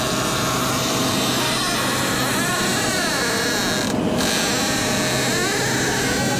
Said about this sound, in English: So you guys ready to hear this? Yeah. Can we listen to this squeaky door